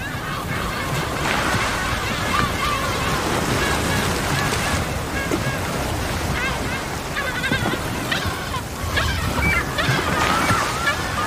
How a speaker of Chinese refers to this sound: 我们听到了捕食的号令，而且在第一次号令和第二次号令之间有别的声音。 气泡网捕猎过程中的大部分叫声好像都是相同的几头大齿鲸发出的，他们会用叫声组织同伴驱赶猎物到海面。